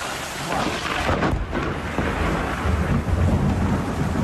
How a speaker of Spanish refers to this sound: Una tormenta aislada, muy concentrada en el mismo punto.